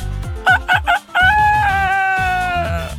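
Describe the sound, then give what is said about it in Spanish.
A person's voice mimics a rooster crowing: three short clipped bursts followed by a long, drawn-out wavering crow, loud with no other talking. “Mi efecto de gallo.”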